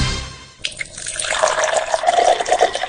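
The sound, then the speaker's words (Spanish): Water pours steadily into a container, a bubbly, splashing stream that rises in pitch as the vessel fills, fairly loud, with no voices over it. “Disfruta de la pureza de la mejor agua. Agua de mesa Mi Soda. Bidones de 12 y 20 litros.”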